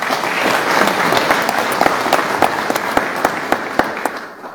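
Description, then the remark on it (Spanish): A crowd applauds the choir members and guests steadily, a dense wash of many hands clapping, with a few sharper individual claps standing out as it begins to thin toward the end. “Démosle un fuerte aplauso a ellos, por favor.”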